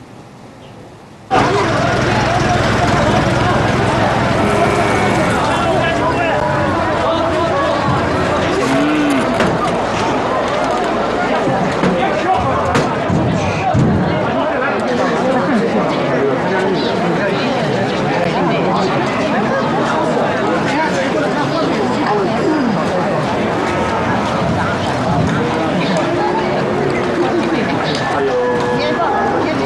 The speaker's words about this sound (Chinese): 就是光明县奶牛交易市场啊，你们看看啊， 你们可以再看看